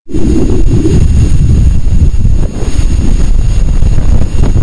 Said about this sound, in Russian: Ветренная Венера.